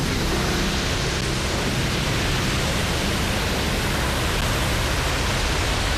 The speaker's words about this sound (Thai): เวลา 15:35 น.คลื่นยักษ์ได้เข้าปะทะมันสูงกว่ากำแพงกั้นของโรงไฟฟ้าถึง2เท่า